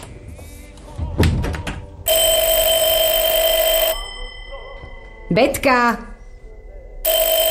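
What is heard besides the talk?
telephone ringing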